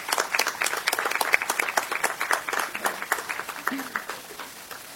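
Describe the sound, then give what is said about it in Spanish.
An audience at an event in Aguadilla breaks into steady applause for a U.S. Army staff sergeant being introduced, many hands clapping at once in a dense, crackling burst that stays fairly loud before gradually thinning and fading toward the end. “Un aplauso.”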